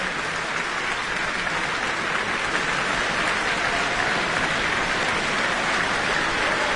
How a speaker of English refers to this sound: Not only the audience, but the orchestra applauding